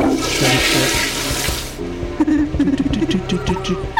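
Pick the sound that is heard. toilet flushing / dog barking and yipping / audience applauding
toilet flushing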